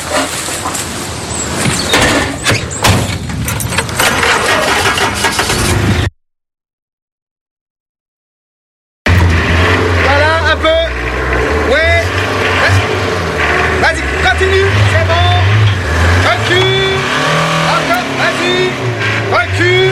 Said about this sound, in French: je suis venu en marche arrière avec la camionnette jusqu'à la porte pour tout décharger d'un coup. Tu es bien guidé? Ouais. Ah, dis, tu me dis stop quand je suis à cul. Ouais, d'accord.